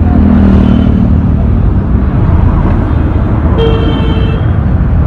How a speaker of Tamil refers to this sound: சரிம்மா, பார்த்து வா, வண்டிங்கள மேலேயே விட்டுருவாங்க போல இருக்குது பஸ் ஸ்டாப் போறதுக்குள்ள. என்னென்ன காது பிஞ்சிடும் போல இருக்கு, இப்படி ஹாரன் அடிக்கிறாங்க, பா கேட்கவே ஒரே கடுப்பா இருக்குனே.